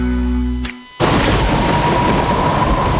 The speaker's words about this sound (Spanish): La lluvia y el frío afuera.